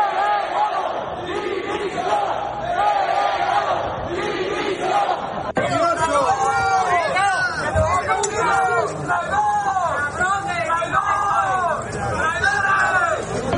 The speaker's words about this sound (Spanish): los ministros a los que Sánchez ha enviado a Ceuta en representación del Gobierno, Ángel Víctor Torres y Elma Sainz, han sido recibidos y despedidos de ese acto con gritos como estos.